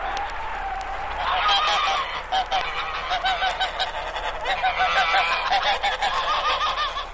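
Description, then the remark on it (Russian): A flock of geese stuck in a small patch of open water in a frozen river after freeze-up, heard from the other side of the river in the evening, honks continuously in agitated, alarmed, overlapping cries, loud and restless, with dense harsh calls over a steady background hiss and no voices. “Однажды после ледостава кто-то сообщил в деревню, что в полынье плавают гуси и не улетают. И в самом деле, вечером с другой стороны реки послышались тревожные крики.”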